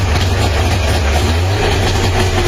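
An FSO Syrena car, a model FSO began producing in 1972, starts up; its engine runs with a loud, steady low-pitched rumble and a rough, rattling drone that holds constant for the whole few seconds, with no voices.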